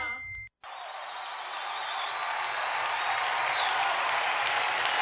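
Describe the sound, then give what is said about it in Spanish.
An audience claps loudly and steadily for several seconds, a dense continuous roar of applause that follows a brief tone and a split-second gap, with a faint high ringing note fading beneath it; applause giving thanks to God, broadcast on Radio Vida from Nashville. “Fuerte ese aplauso.”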